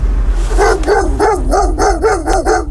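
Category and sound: animal, sled dogs barking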